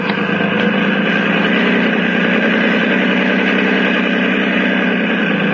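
A motorboat engine idles loudly and steadily in a harbor, a continuous low rumbling drone with a throbbing mechanical texture and no voices throughout.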